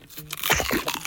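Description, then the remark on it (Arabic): A loud crunch of crispy food from Joe Crispy being bitten and chewed in a radio advertisement, with a burst of crackling bites in quick succession and no voices. “سمعتوا القرمشة العالية؟”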